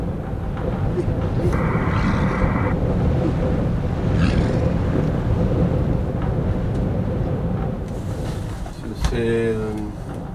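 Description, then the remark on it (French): Strong wind roars steadily around a wooden cabin at Igloolik, Canada, facing the sea ice: a dense low rumble that never lets up, with a few faint creaking or whistling tones rising briefly above it and a short voice-like sound near the end. “Le vent, toujours le vent dans la chambre en bois, la cabane en bois au Canada à Igloolik, devant la banquise.”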